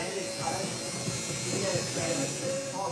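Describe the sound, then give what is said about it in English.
A tattoo machine buzzes steadily throughout in a tattoo parlour in Newcastle, a continuous mid-pitched electric hum with slight wavering, while indistinct voices murmur underneath. “In his Newcastle tattoo parlour,”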